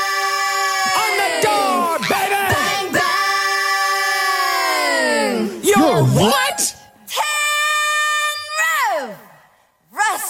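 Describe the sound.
A woman belts out a long, drawn-out yelled line from a song, loud, her voice swooping up and down in pitch across several phrases with brief breaks between them.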